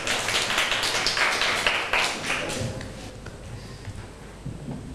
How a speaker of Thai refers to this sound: เชิญค่ะปรบมือให้เพื่อนหน่อยค่ะ